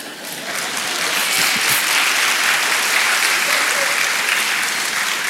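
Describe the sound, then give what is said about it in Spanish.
A crowd claps steadily, a dense wash of many hands that rises quickly and holds at an even, loud level for several seconds, with no voices standing out. “Ningún aplauso ahora, ¿eh?”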